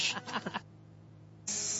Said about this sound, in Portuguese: A chaleira tá aí.